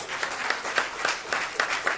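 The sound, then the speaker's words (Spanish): A church audience applauds, a dense wash of many hands with a steady rhythmic pulse of sharper accented claps running through it, at moderate volume with no voices. “Un fuerte aplauso, iglesia.”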